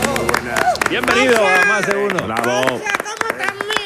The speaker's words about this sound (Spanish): Bravo. Yo estoy de palmero aquí. Como sí, es verdad cómo aplaude, ¿eh? Aplaude con nota. Y luego solo con dos manos.